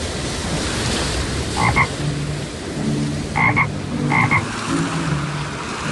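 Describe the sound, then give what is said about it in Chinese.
A toad croaks a few times in short, throaty bursts, spaced irregularly, against a constant loud rush of churning floodwater that fills the whole background. The toad is in rapid water, being swept under and surfacing again. “达海这次被变成了一只蛤蟆，它在湍急的水中一下子被淹没，一下子又浮起来。”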